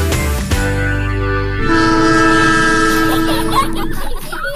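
A Southern Prairie Railway train in Ogama rumbles along the rails with a low, steady roar and sustained horn-like tones, loud, running continuously for a few seconds before cutting off abruptly.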